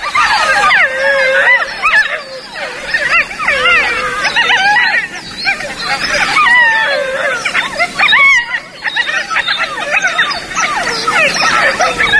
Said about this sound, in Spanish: Los cachorros que han nacido esta primavera están reunidos y, respondiendo al adulto que aulló antes, mantienen estos parloteos.